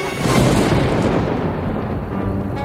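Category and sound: nature, thunder clap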